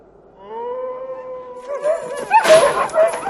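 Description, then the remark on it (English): A long, steady dog howl rises slightly in pitch, then gives way to a loud, chaotic burst of overlapping barks and yelps from several dogs. “Get the dogs! Get them!”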